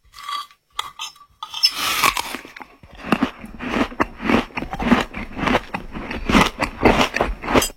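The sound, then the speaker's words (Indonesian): Loud, wet chewing and crunching of food in a steady rhythm of bites, starting with a few sharp clicks and building into continuous mastication noises with no talking, as a father eats a meal cooked by his child. “Alhamdulillah, nikmatnya makan ini nak.”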